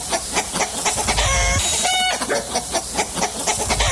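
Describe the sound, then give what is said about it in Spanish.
Several chickens cluck and squawk in a busy, overlapping flurry, with a couple of louder, drawn-out squawks standing out in the middle. No one speaks. “que desde muy temprana hora andaban correteando las gallinas al mole.”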